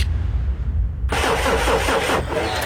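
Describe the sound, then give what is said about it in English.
A car engine cranks over with a rapid, rhythmic churning for about a second, following a low rumble, then cuts off without settling into a steady idle; the car fails to start. Fairly loud, with no voices. “Ah, your car won't start.”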